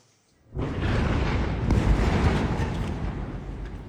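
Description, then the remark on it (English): An Israeli airstrike explosion in Gaza City erupts suddenly after a brief hush, a loud, deep blast that swells into a heavy, sustained roar and rumble, fading only slightly over the next few seconds. “This was the scene after an airstrike in Gaza City.”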